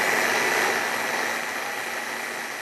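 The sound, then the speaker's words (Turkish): A food processor whirs steadily as it chops vegetables, including onion, a loud, dense motor roar with a gritty texture that holds constant and eases slightly toward the end. No one speaks. “Hepsini aynı yerde böyle hiç uğraşmadan rondomuzla hallediyoruz.”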